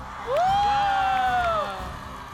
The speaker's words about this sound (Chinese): 观众朋友们，准备好你们的尖叫声了吗？